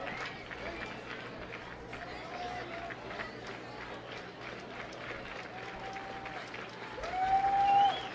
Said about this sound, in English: Crowd starting to clap their hands in unison.